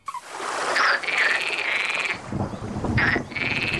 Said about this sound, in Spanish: el orden es rana común con una tormenta en el fondo